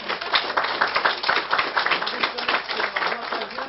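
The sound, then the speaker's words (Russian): Audience applause fills the moment, a dense, steady patter of many hands clapping at once, loud, sustained without pause and with no talking over it. “Надеюсь, что наша аудитория присоединится. Аплодисментами поддержим.”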